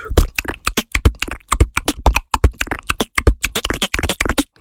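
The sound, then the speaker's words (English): A human beatboxer imitates rolling dice with a fast, steady stream of sharp mouth clicks and pops, fairly loud, lasting several seconds with no talking. “He popularized the dice roll, the whole...”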